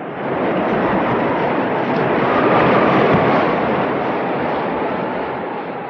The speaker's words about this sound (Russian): Шестой день подряд хлещет дождь. От ветра даже стены дрожат.